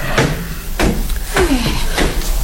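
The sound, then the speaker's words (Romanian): Parlor doors being closed, heard as four fairly loud knocks and clunks spaced roughly every half second, with a brief squeak of movement in between and no talking. “Poți să închid ușile salonului?”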